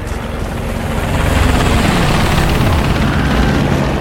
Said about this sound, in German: Hubschrauber, was will der da oben? Ich schätze, der ist wegen uns da.